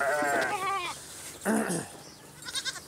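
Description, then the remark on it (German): Goats of a small herd at the Jaderpark, gathering where the feed bucket is, bleat in loud, wavering cries, two long quavering calls followed by a shorter rising one, then a few faint chattering sounds at the end. “Die Ziegen immer da, wo der Futtereimer ist.”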